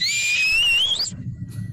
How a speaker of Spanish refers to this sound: Tenemos en la familia un chiflidito en donde nos estamos buscando y nos encontramos. Me encanta. Lo vengo practicando, a ver qué tal.